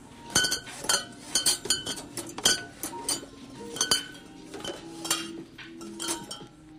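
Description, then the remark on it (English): Glass bottles clink against each other and against store shelves one by one, in an irregular stream of bright knocks with short ringing tones, with no voices. “Glass bottles clinking on the shelves one by one.”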